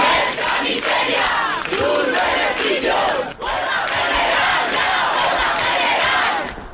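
A large protest crowd outside the Congress shouts and boos in a loud, sustained roar of overlapping voices, with brief swells and a short dip in the middle, reacting angrily to a decree being voted down and calling for a general strike.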